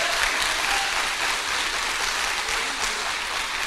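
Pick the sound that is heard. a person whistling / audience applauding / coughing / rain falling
audience applauding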